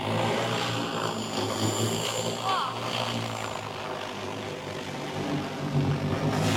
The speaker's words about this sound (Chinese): 在九城合作社，田间插秧作业也实现了全新升级，无人机空中补给的场景正在这片水田上实时上演。